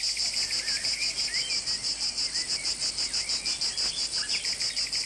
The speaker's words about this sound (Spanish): Espera un segundito, Carmen, que vamos a escuchar el sonido de la cigarra.